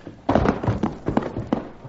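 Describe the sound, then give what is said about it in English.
A horse shifts as a woman is helped down off her horse, with a series of soft thuds, hoof knocks and leather rustling over about two seconds, fairly loud and with no voices. “All right, Cherokee, help Mrs. McCarty off her horse.”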